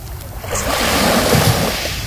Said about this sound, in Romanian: Și văd aici un litoral desăvârșit, marea impecabilă.